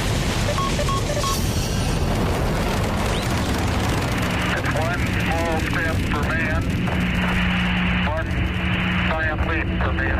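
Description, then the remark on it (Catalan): A loud, continuous rocket-launch roar from a rocket of Jeff Bezos's company that exploded, a deep rumbling wall of noise that fills the whole clip, with excited voices calling out faintly underneath. “Escolta'm, ens van deixar de comentar fa un parell de setmanes aquella fantàstica explosió.”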